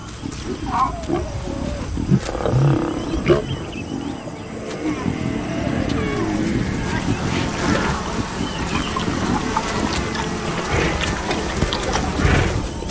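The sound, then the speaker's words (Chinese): Lions feasting on a kill give deep, rasping roars and growls almost without pause for about thirteen seconds, steady and fairly loud, with a few faint high chirps scattered over the top. “在狮子大快朵颐的同时”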